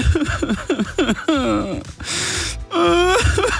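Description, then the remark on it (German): A person, the boss in the boss's office, sobs and wails loudly over news that McDonald's is permanently dropping the McRib, with gasping breaths and rising, quavering moans broken by sharp inhales. The crying comes in uneven bursts, with no clear words. “Deswegen, lieber Chef, nicht weinen, nicht weinen, nicht weinen, nicht weinen, nicht weinen.”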